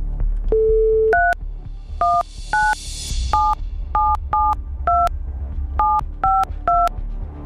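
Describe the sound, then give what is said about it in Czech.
A steady tone, then a quick run of about ten touch-tone beeps as a phone number is dialed to call a listener, each a short clear dual-pitched blip in an irregular rhythm over a low background hum. “Zavoláme někomu z vás, kdo jste tu SMSku s účtenkou poslali, a já už vidím i to telefonní číslo, takže jdu volat.”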